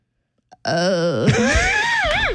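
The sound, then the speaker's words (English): On 94.9 Star Country radio, a person imitates a goat bleat: one loud, drawn-out, quavering cry lasting nearly two seconds, its pitch wobbling and then sliding around toward the end. “What is the difference between those sounds? I think sheep goes baa. And what's a goat say?”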